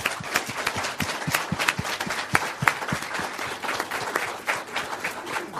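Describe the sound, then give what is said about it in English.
An audience applauds steadily to thank three speakers after an afternoon session, dense overlapping hand claps forming a loud, continuous rattle with no voices standing out. “And I'd just ask you to join me in thanking them all once again.”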